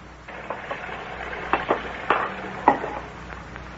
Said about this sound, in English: Oh, my. It's such a pleasure to do the dishes when somebody is drying them.